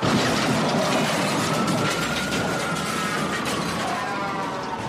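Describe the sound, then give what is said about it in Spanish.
A car crash on the road: a loud, sustained burst of grinding metal and clattering debris with a high screech sliding slowly downward, fading a little toward the end. No one speaks. “Al transitar por las calles o carreteras, este es el sonido que nadie quisiera escuchar.”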